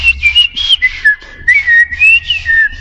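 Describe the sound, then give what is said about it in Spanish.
A person whistles a quick, warbling birdlike tune imitating two birds, one a red tomato-eating bird called the tomatero, the pitch sliding and trilling in short bursts like birdsong, with a low rumble underneath and no talking. “O en este caso, yo imitaba a un pájaro, dos pájaros.”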